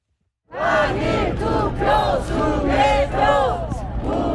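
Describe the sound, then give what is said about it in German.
A crowd of protesters (retirees, young families and teenagers) chants slogans calling for a repeat of the election and alleging election fraud, blocking the entrances of the handball stadium in Olympic Park, Seoul, in blazing sun; loud rhythmic shouted phrases repeat in waves with many voices rising and falling together. “Wiederholung der Wahl und Wahlbetrug skandieren pensionierte, junge Familien und Teenager.”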